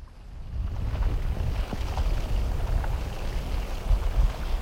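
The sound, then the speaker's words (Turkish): Freezing lake ice shifting, a continuous deep rumbling groan with faint, scattered higher creaks and pings rising out of it. No one speaks. “Göl sanki nefes alıp veriyor. Buz katmanları inip kalkan göğsü gibi kıpırdanıyor.”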